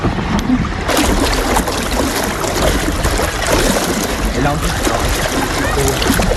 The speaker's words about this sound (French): Il n'y a que le bruit de l'eau, il n'y a pas tant le bruit du vent, mais quand les deux sont combinés, qu'on sent le vent souffler dans les oreilles, le gouvernail qui est un peu dur à manœuvrer avec toute l'eau qui est traînée derrière